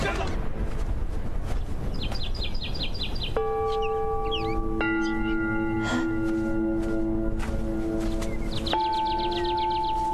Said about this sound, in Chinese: 为何这里拴着一只小鸟，脚都被磨伤了？是遁天大能拴着你的吗？小鸟，你等等，我这就帮你止血。